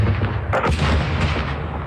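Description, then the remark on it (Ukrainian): A heavy explosion in a village under Russian attack, either something shot down or a strike landing: a deep, rumbling blast with a sharp double burst around the middle, then a lighter thud, over a low continuous rumble with no voices. “Це звук, це щось збили чи прилетіло?”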